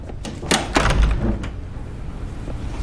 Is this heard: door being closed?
yes